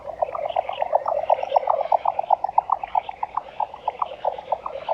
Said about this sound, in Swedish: Men jag står här bara och njuter för att jag har hållit på med fåglar i 60 år och jag har aldrig hört så bra dvärgbeckasinspel som i natt.